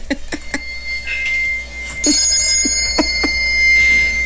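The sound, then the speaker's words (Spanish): A mobile phone ringtone of bell-like chimes plays, with repeated bright tonal strikes and sustained ringing tones, fairly loud with no talking over it. “Es que no trajo sus campanas, según sí, pero que se desaparecieron las campanas y le digo, y luego la nadie es de esas personas que, celular, campanas, escríbele, campanas y ya, campanas.”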